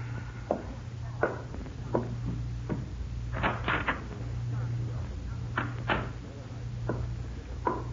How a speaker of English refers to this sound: The door, Judd. Quietly.